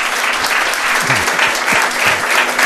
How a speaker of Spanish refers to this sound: Don Jesús Callejo, también un aplauso os pido para él.